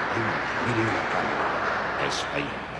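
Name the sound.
audience applause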